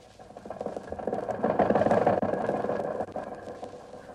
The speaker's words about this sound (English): Now, imagine turning a car like this into the junk pile. Why, the motor is in wonderful condition.